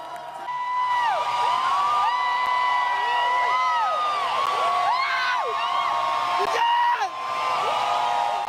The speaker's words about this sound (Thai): เจ้าตัวกรี๊ดสุดเสียงดีใจจนน้ำตาไหลเลยครับ